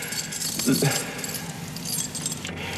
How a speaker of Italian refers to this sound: Ho buttato via le chiavi per farmi capire che non è più la padrona.